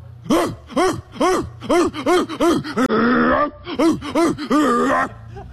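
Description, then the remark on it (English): Asked for a louder, longer bark, a person imitates a dog with a rapid series of about a dozen loud, strained, wheezy barks and gasping huffs, rising and falling in pitch, with a raspy breathy stretch in the middle. “I didn't know dogs had asthma.”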